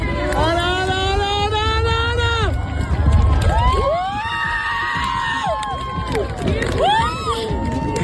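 A crowd of about 2,000 people at the Seu Vella viewpoint erupts in loud, sustained cheering as the moon fully covers the sun at total solar eclipse, under a cloudless sky with the sun in the west, with high-pitched whoops and shouts rising over a roar, easing briefly, then surging again.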